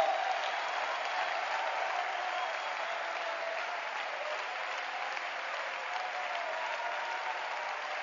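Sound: audience applauding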